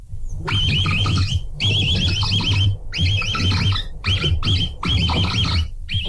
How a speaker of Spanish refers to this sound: pues vamos a escuchar primero el capibara y luego te revientas tu versión, ¿te late?